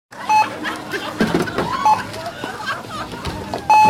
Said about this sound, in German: Nanu, was war das denn? Der Alarmton bei alkoholischen Getränken und Zigaretten, Jugendschutz.